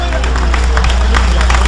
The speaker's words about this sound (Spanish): Dale ese aplauso de gloria a Dios.